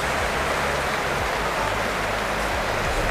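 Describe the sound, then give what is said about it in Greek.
A large crowd applauds steadily as a player limps off injured, a dense, continuous wash of clapping that holds an even loudness throughout, with a low hum running underneath and no voices standing out. “Το χειροκρότημα είναι για την αποχώρησή του.”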